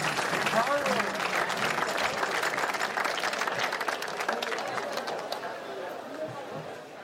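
Sustained applause from a crowd welcoming performers onto a stage, dense and steady clapping with some cheering and chatter mixed in, tapering slightly toward the end.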